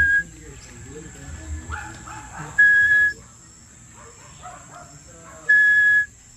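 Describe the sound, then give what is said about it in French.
Two loud, steady whistled notes, each about half a second and spaced a few seconds apart, as a person imitates the little tinamou's whistle, an imitation used in hunting to attract these birds, with faint murmuring and animal sounds between. “Ça, c'est le sifflement du petit tinamou.”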